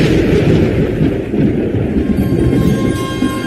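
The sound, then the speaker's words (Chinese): A deep, sustained rumble of rolling thunder fills the whole stretch, loud and continuous with churning low-end energy and no voices. “雷声滚滚，闪电照进了空空的房间，照在那张放着黄绸包袱的供桌上。”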